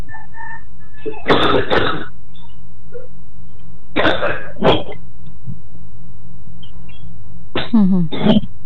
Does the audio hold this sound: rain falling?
no